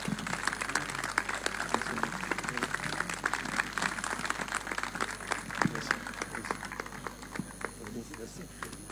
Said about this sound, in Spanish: fuerte ese aplauso. Muchísimas, muchísimas gracias.